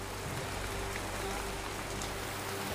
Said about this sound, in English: The rain is relentless, and when the wind picks up speed, every minute counts.